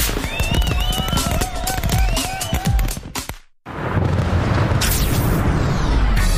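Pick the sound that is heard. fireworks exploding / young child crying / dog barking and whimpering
fireworks exploding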